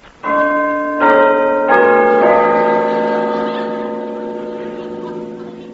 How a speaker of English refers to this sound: Pull the bell handle.